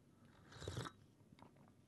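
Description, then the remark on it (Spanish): A single airy slurp of very hot coffee lasting under half a second, followed by quiet mouth noises and low background sound, with no talking. “Estoy tomando un cafecito, los chicos del tazón.”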